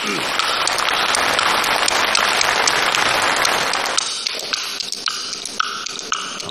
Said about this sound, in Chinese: 啊，好，这个掌声热烈一点 啊。